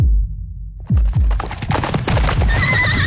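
Steady clip-clop of Clydesdale horse hooves, a run of sharp knocks after a low rumbling start, then a high, wavering horse whinny rising over the hoofbeats near the end. No talking.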